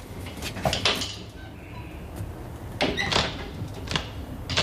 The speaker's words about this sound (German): Was treibt die denn da? Das hörst du doch. Da ist ein Schrank aufgebrochen. Und warum? Weil sie keinen Schlüssel hat, du Dussel.